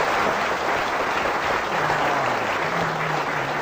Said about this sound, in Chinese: 话说到这儿了，你要是再不唱，你是不是嫌大伙掌声不热烈呀？ 啊， 可以，热烈鼓掌。